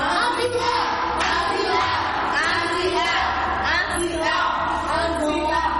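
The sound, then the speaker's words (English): A group claps together in a loud, steady burst while voices cheer and shout along, filling the whole stretch of a few seconds. “A sound clap.”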